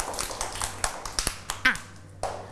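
A small group of children in a class claps unevenly for a couple of seconds for a classmate, the sharp claps scattered and overlapping, with a faint voice briefly audible among them.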